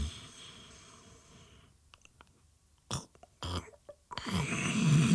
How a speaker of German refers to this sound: Rauch steigt aus dem Rollladenkasten, in dem ein nicht weiblicher Körper geborgen unter dem Dach seines eigenen Gehirns schnarcht.